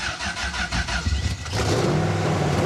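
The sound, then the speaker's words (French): A car's starter motor, started by push button in neutral with a little accelerator, cranks in quick, rhythmic pulses for over a second before the engine catches and bursts into a loud, steady roar, its pitch climbing slightly as it revs. “Point mort, et le bouton du démarrage, démarreur est ici. Faut accélérer un peu.”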